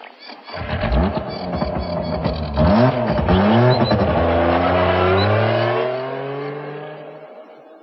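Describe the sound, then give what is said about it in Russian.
A motorcycle engine drives, revving up and down with rising and falling pitch as it shifts gears, then settles into a steady drone that eases off toward the end as the motorcycle stops near a large soldiers' field kitchen cauldron. “Куликов остановил мотоцикл неподалеку от большого котла походной солдатской кухни.”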